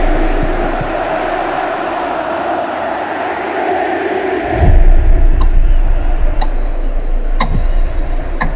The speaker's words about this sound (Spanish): El homenaje que le hace a Lionel Messi. Recibe la ovación oficial de su gente. Escucha.